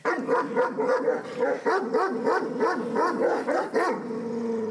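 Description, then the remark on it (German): Kangal puppies almost 10 weeks old bark and yip in rapid, overlapping bursts, high-pitched and excited, mixed with whiny whimpers throughout; no one speaks. “Strenges Durchgreifen, aber auch viel Zuwendung sind wichtig im Umgang mit Kangals.”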